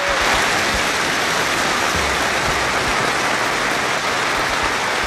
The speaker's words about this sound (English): Middlesbrough fans have held a minute's applause to pay tribute to two police officers killed in a head-on collision last weekend.